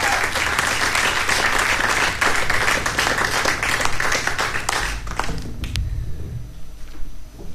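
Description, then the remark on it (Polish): A crowd applauds with dense, steady clapping that holds loud for several seconds, then thins out and fades into a few scattered claps near the end. “brawa dla mnie.”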